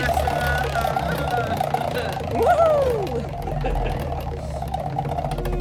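A prize wheel spins with a fast, steady clatter of clicks over a low, continuous whir, joined midway by a brief rising-and-falling tone, and lands on number 8.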